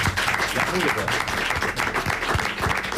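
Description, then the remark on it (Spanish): A studio audience at a live Radio Euskadi broadcast applauds steadily, a dense wash of many hands clapping, holding at an even, lively level for the whole few seconds. “Bueno, y hoy programa especial porque tenemos también público con nosotros, así que un aplauso a los conquistadores.”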